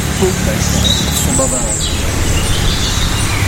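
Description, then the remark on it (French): A European robin sings thin, high, varied warbling phrases, with a blackbird faintly audible further back, partly masked by steady background noise and a voice talking over it. “On se contente de ça pour l'instant? Alors, c'est le rouge-gorge.”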